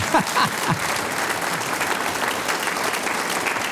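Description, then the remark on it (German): Steady audience applause, a dense wash of many hands clapping at even loudness for a few seconds, with a brief murmur of voices at the start. “Sie dürfen alle klatschen.”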